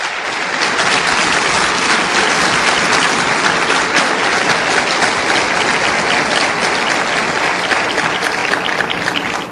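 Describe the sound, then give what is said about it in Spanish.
An audience applauds loudly and steadily for the Lord Jesus, a dense wash of many hands clapping that holds at full strength for about ten seconds with no voices standing out. “Démosle un aplauso pues fuerte al Señor Jesús.”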